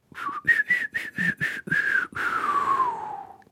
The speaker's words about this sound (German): Wenn wir die ganze Zeit so weiter pfeifen, kriegen wir heute keine Frage und keine Antwort raus. So lange habe ich doch gar nicht gepfiffen, nein. Aber es klang traurig.